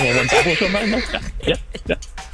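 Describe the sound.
A person imitates a horse's whinny, a loud, quavering, high-pitched neigh lasting about a second, followed by a few short, breathy vocal bursts.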